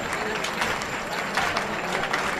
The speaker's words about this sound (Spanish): y la plaza mismo me da la razón. Escucha las palmas por bulería.